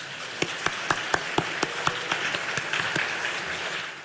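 An audience at a forum breaks into applause to welcome a lecturer: a dense wash of many hands clapping, with a steady run of sharper, evenly spaced claps on top that fade into the crowd sound toward the end. No talking.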